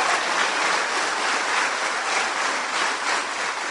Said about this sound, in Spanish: ¡Aplauso!